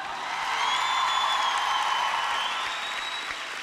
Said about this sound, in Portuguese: Uma salva de palmas para estes anjos, pessoal!